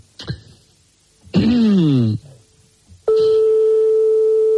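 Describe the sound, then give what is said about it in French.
A telephone line clicks, then gives a warbling ring tone lasting about a second. After a pause, a steady electronic tone begins and holds, loud, with no one picking up a call to a private number in Mende, France. “ça sonne dans le vide longtemps et ça peut tomber sur un répondeur”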